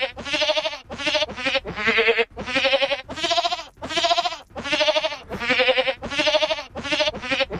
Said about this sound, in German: Da klingt ziemlich speziell, ne, wenn so eine Ziege singt. Aber ich finde, die Melodie erkennt man schon ganz gut, oder? Wir hören noch mal rein.